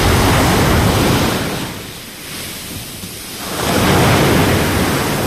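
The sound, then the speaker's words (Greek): Loud, rough surf of a stormy sea roars at Kathisma beach on Lefkada, Greece, a wave crashing, receding into a brief lull, then surging back in a second heavy break. No voices, just dense churning water noise. “έχει φουρτουνιασμένη θάλασσα, μπόλικο κύμα, από το κάθισμα στη Λευκάδα.”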